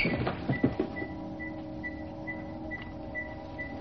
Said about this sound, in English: He looks around, but can't locate the source. The Yeti control sphere enters the room, rolling slowly towards him.